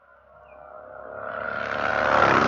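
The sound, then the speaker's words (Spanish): A motorcycle engine swells steadily louder over a couple of seconds, its buzzing, harmonic drone rising in pitch and brightening as it passes. No one speaks. “Pasó la moto.”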